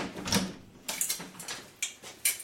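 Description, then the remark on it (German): About five sharp knocks on a door, unevenly spaced and moderately loud, with short pauses between them and no voices. “Klopf erst an, wenn du bis 5 gezählt hast.”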